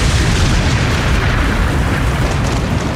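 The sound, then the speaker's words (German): Lightning strikes a church tower in Osnabrück at midday during a baptism: a loud, dense thunderous boom with heavy low rumble and broad crackle, sustained steadily for about three seconds, with no voices. “Da ist am gestrigen Mittag ein Blitz in einen Kirchturm eingeschlagen.”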